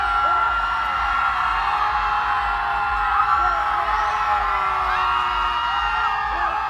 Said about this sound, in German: Dann 3 Schreie. Der letzte ist der lauteste. In 3, 2, 1! Ah!